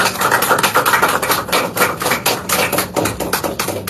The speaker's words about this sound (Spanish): Muchísimas gracias, que sea buena hora, compañeros, y daremos un fuerte voto de aplauso para nuestros atletas.